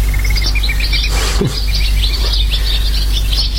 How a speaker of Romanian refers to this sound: Păsările? Da. Un parc e aproape, când se lasă seara, se umple cerul de ele. Ia, ascultă-le.